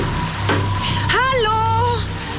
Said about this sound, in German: Es ist kalt und es regnet.